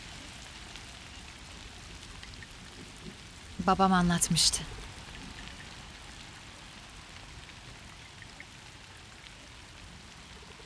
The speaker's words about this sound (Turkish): Yağmur düşündüğümden soğukmuş. Hiç yağmur görmedin mi?